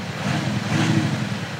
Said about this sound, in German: Und die erzeugen, da drin ist ein Lautsprecher. Und der erzeugt quasi einfach nur wie eine Musikanlage Sound. So klingt der Wagen ohne Soundgenerator.